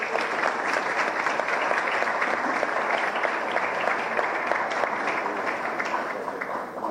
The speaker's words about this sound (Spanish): Un aplauso también a estas empresas.